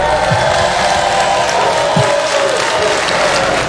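Married people in the audience of a Cat Williams comedy show applaud when asked to make some noise, at a steady, fairly loud level, a continuous wash of clapping with a faint crowd murmur beneath and no one speaking.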